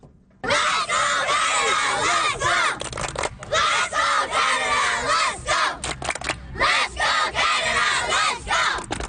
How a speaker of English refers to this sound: this time with local players from the South Burnaby Metro Club, and they're rather energetic chanting. To introduce themselves and some of the players, they sent this from their pitch.